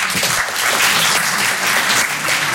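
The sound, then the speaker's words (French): An audience at a live comedy show claps steadily, a dense, loud wash of many hands with no pauses, sustained for a few seconds and slightly swelling then easing, answering the performer's call to applaud those who don't like working. “Applaudissez ceux qui aiment pas travailler.”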